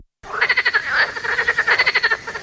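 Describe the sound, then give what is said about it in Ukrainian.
A frog croaks in a fast, steady rattling series of pulses, loud, with no other sounds around it. “Місце, де ваші діти можуть побачити жабу не лише в телефоні.”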